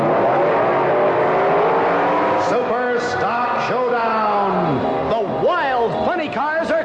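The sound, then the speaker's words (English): Powerful funny car drag racing engines rev hard at a Funny Car Championship Meet at a speedway, their pitch repeatedly surging up and dropping back in roaring bursts that fill the whole stretch without pause; nitromethane-burning Dodges, lightweight Chevrolets, supercharged Fords and Plymouths. “It's the grand opening Funny Car Championship Meet. Strong nitromethane burning Dodges from Detroit.”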